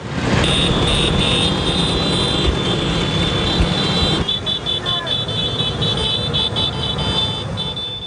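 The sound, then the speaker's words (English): A dense crowd of Vespa motor scooters, over 10,000 riding through the ancient streets of Rome for the Vespa's 80th anniversary, buzzes steadily past, their high-pitched engines whining and overlapping in a loud, continuous drone, with indistinct voices faintly mixed in. “Organizers say over 10,000 Vespas are swerving through the ancient Roman streets.”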